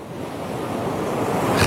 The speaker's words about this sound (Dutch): Die zit in een kustwachtershuisje in Suffolk. En het valt hem op dat de branding daar anders klinkt dan bij ons.